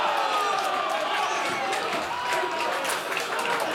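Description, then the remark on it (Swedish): Slovak away fans of Slovan Bratislava roar and cheer in a steady, dense wall of noise, with scattered clapping and shouts, after a 1-1 equalizer against Mjällby in the 78th minute of a Champions League qualifier at Strandvallen, Blekinge. “Borta jubel, ett slovakiskt sådant på Strandvallen i Blekinge.”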